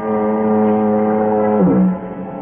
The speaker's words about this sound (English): It's cool, quiet. Except for the monotonous moan of the foghorn down at the point near San Quentin Prison.